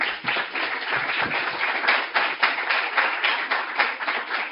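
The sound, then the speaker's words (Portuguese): A steady round of applause from a group as a criminal forensics expert is called up to present his résumé, dense overlapping claps forming a continuous crackling wash at fairly even loudness for several seconds, with no voices over it. “Uma salva de palmas.”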